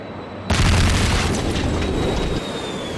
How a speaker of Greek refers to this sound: Όταν ακούστηκε για δεύτερη φορά μια ισχυρή έκρηξη από τον Γκιόλμπασε, το ρολόι έδειχνε 2:20. Οι πραξικοπηματίες επιτέθηκαν με τα μαχητικά αεροσκάφη που είχαν κατασχέσει στη Διεύθυνση Ειδικών Επιχειρήσεων της Αστυνομίας στο Γκιόλμπασε.